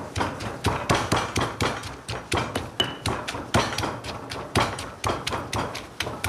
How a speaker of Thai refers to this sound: จะใส่เต้าซี่เนี่ยลงไปตำด้วยเลยเวลาผัดมันจะได้หอมใส่สัก2ช้อนโต๊ะนะคุณผู้ชม